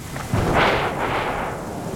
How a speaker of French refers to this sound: Et maintenant, il entend le tonnerre. Et voilà encore un éclair. Le tonnerre gronde, gronde. Il gronde de plus en plus fort.